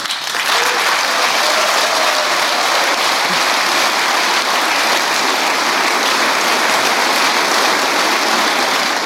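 Sustained, dense applause from many hands, steady and loud throughout with no pauses, a broad hiss-like texture of clapping and no speech standing out. The applause comes from the SPD front row at a DGB assembly in Germany.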